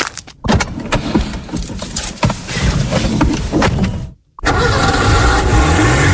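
A car engine turns over and catches, then runs with a loud, rough rumble. After a brief pause it starts again and revs steadily, its pitch climbing toward the end. The car was won in an RMF FM radio contest.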